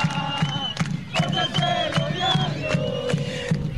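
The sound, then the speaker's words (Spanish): Arturo Fernández Vial football fans shout and chant steadily from the stands at the Coiná ground as the match against Deportes Nacimiento nears its end, calling for the final whistle; a dense roar of many voices with sustained held cries rising above it and rhythmic pulses throughout. “La gente de Arturo Fernández Vial grita, está pidiendo la hora, está pidiendo el tiempo.”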